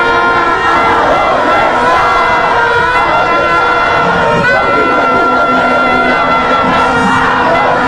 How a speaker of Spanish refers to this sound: Muy bien, se encendió otra vez el parque, se evitan, pongámosle volumen, así gritan los heredianos, atención Parque Heredia.